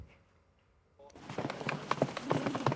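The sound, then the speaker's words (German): After a second of near silence, a foal's hooves start clip-clopping on a hard surface in a quick, uneven patter, growing slightly louder, on the runway where the Westfälisches Pferdestammbuch breeding association films young horses for an online auction. “Das ist quasi der Laufsteg für die Fohlen.”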